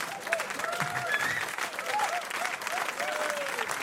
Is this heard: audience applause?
yes